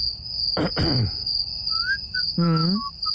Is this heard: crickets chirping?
yes